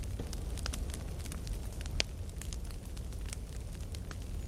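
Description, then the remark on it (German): A campfire crackles steadily, with irregular sharp pops and snaps over a low rumbling bed of flame noise; one louder pop stands out midway. No voices. “Wir sitzen hier bei NDR Kultur am Lagerfeuer und hören Volkssongs aus allen möglichen Ecken Europas.”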